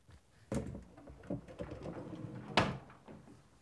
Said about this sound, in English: Then, from underneath, I screw through the cleats and into the bottom of the countertop.